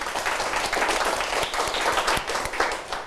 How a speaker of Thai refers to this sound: ปรบมือให้เพื่อนด้วยนะครับ